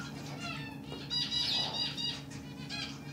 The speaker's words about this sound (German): Zwergflusspferd Kanga hat ihren eigenen Dschungel. 35 Grad Raumtemperatur, 90% Luftfeuchtigkeit. Die tropischen Vögel picken fröhlich die Reste von Kangas Heu.